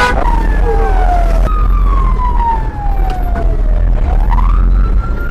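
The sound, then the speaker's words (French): Emergency sirens of police, civil protection and Red Cross fire engines wail loudly and continuously, their pitch sliding down and then rising again, over a heavy rumble of engines and crowd noise, as they respond to a fire at Kinama market in northern Bujumbura. “On y voit des camions extincteurs de la police et de la protection civile, ainsi ceux de la Croix-Rouge se relayant pour intervenir.”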